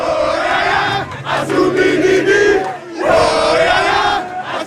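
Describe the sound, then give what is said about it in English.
A loud crowd of Congolese football fans celebrates in the street after the Leopards score their first goal in World Cup history, roaring and singing together, a dense wall of cheering voices with chanted, tuneful swells that dip briefly before surging back up. “In the joyous mayhem, fans burst into spontaneous song and pour out onto the street.”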